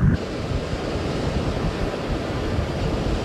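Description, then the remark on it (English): A strong storm wind roars steadily by the water, with heavy low buffeting and a constant rush of surf-like noise throughout. No one speaks. “It's windy here, so on the water, it's even windier.”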